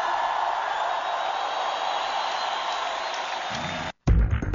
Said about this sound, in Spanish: Todo el que tenga un Dios grande, dé un grito de victoria.